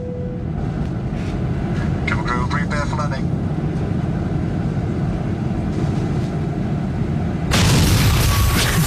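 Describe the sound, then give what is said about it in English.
A steady aircraft cabin rumble with faint murmuring voices, recorded on a selfie video as the plane comes in to land, then a sudden loud jolt and roaring surge near the end as the plane hits the runway hard. “filming a selfie video as the plane comes into land”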